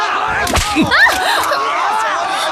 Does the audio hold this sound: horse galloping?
no